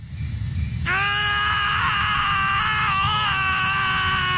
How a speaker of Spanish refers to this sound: Sí, ahí están gritando nuestro par de protagonistas